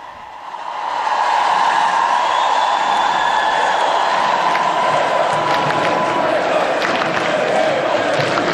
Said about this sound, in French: Le pape maintenant qui descend de la scène. Alors que vous entendez la foule scander Léon, Léon.